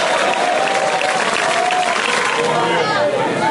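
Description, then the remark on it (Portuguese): Steady, dense applause from an audience, a loud continuous wash of many hands clapping together with crowd murmur mixed in throughout. “Cadê o povo nas palmas?”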